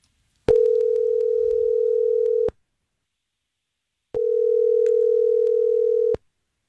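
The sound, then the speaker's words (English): A telephone rings on an outgoing call, two long, steady ringback tones of about two seconds each with a pause between, heard clearly and alone with no voices. “You ready to give her a call, see what's going on?”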